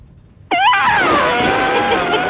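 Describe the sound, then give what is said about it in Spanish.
A loud human voice imitates an elephant trumpeting, a single sustained, brassy, wavering blast that rises sharply and holds for about two seconds before trailing off. “El mejor mío es el elefante. A ver. Mira, va el elefante.”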